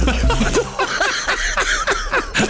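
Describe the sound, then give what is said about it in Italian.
A salmon's backbone being pulled out after its head is cut off: continuous wet tearing and squelching with crackly crunches and squeaky pulls, steady and loud for a couple of seconds, with no talking. “Il rumore che ho sentito è che gli ha tolto la colonna vertebrale.”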